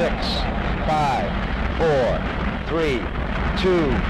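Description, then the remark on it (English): A continuous, heavy roar of rocket engines igniting at launch as the ignition sequence starts, a dense low rumble that holds steady and loud, while a voice speaks intermittently over the noise. “Ignition sequence starts.”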